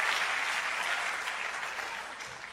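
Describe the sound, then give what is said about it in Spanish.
An audience claps steadily for a couple of seconds, a dense, even wash of many hands applauding, holding level and easing slightly toward the end. “Los hombres deberían aplaudir eso, muchachos.”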